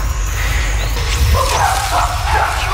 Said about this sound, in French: Et là, on entend les chimpanzés qui crient à gauche et à droite. Ils étaient à la chasse au singe colobe.